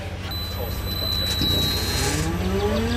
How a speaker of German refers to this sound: So klingt er, der Motorsound eines batteriebetriebenen 40-Tonners. Und im Vergleich ein Dieselbrummen. Beide Schwerlaster stehen auf dem Betriebshof von Koch International, einem Logistikunternehmen aus Osnabrück.